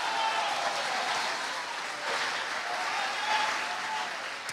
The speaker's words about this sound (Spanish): Yo creo que eso merece un aplauso esta noche, hermano.